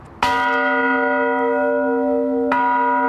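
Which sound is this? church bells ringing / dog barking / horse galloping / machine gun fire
church bells ringing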